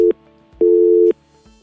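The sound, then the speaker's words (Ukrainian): A telephone busy tone from a failed first attempt to take an incoming phone call: steady mid-pitched beeps switching on and off in a regular rhythm, loud and clear with no voices, signalling a call that didn't go through. “Дуже сподіваюся, що в нас вийде без перешкод прийняти телефонний дзвінок.”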